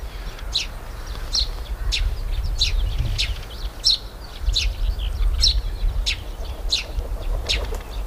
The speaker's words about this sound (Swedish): Hörde man vingljuden från en duva som landade, en ringduva. Och så är det pilfink som kilpar.